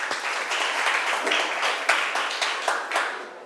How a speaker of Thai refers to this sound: ครูก็ต้องขอขอบคุณตัวแทนนักเรียนเชิญนักเรียนที่กลุ่มได้เลยค่ะคุณครูขอเสียงปรบมือให้ตัวแทนนักเรียนทั้งสองท่านอีกครั้งหนึ่งค่ะ